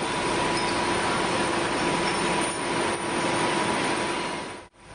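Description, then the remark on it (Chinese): Loud, constant industrial din from a waste glass sorting work area: a dense, steady roar with faint humming tones running through it, no voices, briefly cutting out just before the end. “在拣选废玻璃的工作区域，工会的工作人员发现这里的噪音有些大，可能存在超标的情况。”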